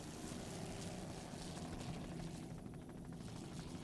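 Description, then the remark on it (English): The engine of Pier 57 Stainless, a 38-foot Fountain offshore racing powerboat, roars steadily and loudly throughout, a deep rumbling drone mixed with broad rushing noise, with no voices. “It's a 38-foot fountain.”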